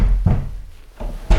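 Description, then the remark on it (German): Heavy, booming thuds of a door being kicked in: three forceful blows at uneven intervals, loud, with no voices. “Tür ein!”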